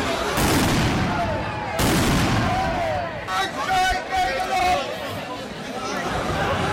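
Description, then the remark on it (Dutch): Two sharp, powerful blasts of heavy fireworks set off by demonstrators at a protest go off a second or so apart, over a constant roar of crowd noise with shouting and whistles. “Dat is ook zwaar vuurwerk zo te horen.”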